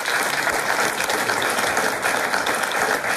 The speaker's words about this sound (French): C'est une très, très bonne réponse. Ça, oui, on peut vous applaudir, bien sûr.